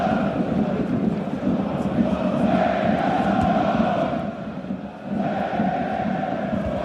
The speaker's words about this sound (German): Und die Schweinfurter jetzt gehörig unter Druck. Die falschen Fans umso lauter, die man jetzt eben hier hört.